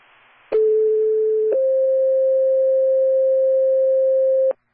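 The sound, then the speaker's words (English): A loud, steady electronic phone tone sounds alone, stepping once to a slightly higher pitch and holding unbroken for about four seconds before cutting off abruptly. “you can ignore that thing of phones here.”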